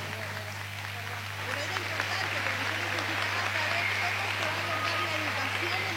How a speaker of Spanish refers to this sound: Bueno, quiero agradecerles, chicos, la verdad, se pasaron la respuesta que tuvieron. Aplauso para todos.